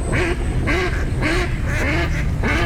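Ducks quack in a steady run of about five loud, nasal calls, evenly spaced, over a faint low rumble, with no one talking.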